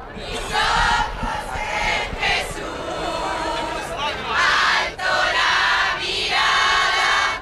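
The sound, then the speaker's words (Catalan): A large crowd of faithful of all ages, come from across the peninsula and gathered at the Royal Palace at the foot of the Almudena to receive Robert Prevost, sings chants together, loud and continuous, with swelling, rhythmic phrases and brief dips between them. Many voices blend into one dense, sustained sound. “al Palau Reial als peus de l'Almudena, on Robert Prevost serà rebut amb tots els honors i per una multitud de fidels que ja s'apleguen de totes les edats vinguts d'arreu de la península, que el rebran, per exemple, amb càntics com estos que sentim.”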